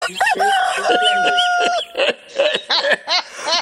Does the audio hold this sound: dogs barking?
no